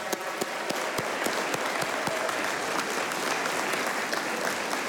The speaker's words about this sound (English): Let's give this royal round of applause.